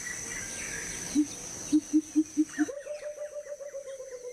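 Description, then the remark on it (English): A pheasant's deep, hollow whoop call: a few slow, low hoots that quickly speed up into a rapid, slightly higher run of repeated notes, over a steady background of insect hum. “So maybe there's something around this time of year with the whoop whoop bird.”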